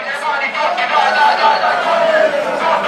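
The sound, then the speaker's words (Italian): A large crowd of over 800 travelling Taranto football supporters at a match in Aversa chants in unison, a dense, steady roar of many voices with a sung, wavering melody that holds at a constant loud level throughout. “Incessante il tifo dei supporters ionici, gli oltre 800 che hanno raggiunto Aversa quest'oggi e che stanno sostenendo, e li facciamo ascoltare.”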